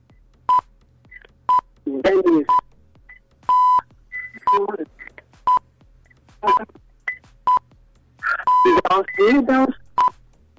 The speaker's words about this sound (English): I hit the wrong buzzer.